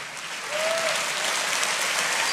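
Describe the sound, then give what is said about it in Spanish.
Audience applause swells in after a brief moment and holds as a dense, steady wash of clapping, with a faint high whistle-like tone briefly rising above it. “No, ese aplauso está flojo.”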